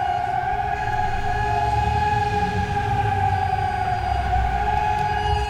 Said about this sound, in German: Und wenn man jetzt hier mal aus dem Fenster, ich versuche jetzt mal das Mikro einfach aus dem Fenster zu halten, dann hört man ja auch sehr schön die Sirenen im Hintergrund. Also hier im Stadtgebiet, ordentlich laut.